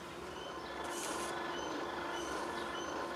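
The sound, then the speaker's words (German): A train rumbles past on nearby tracks by a hemp farm in the Börde, just before Magdeburg, with a steady mechanical drone, high metallic whines and a brief hiss of wheel or brake noise midway, with no voices. “Der Bahnhof ist auch nicht weit.”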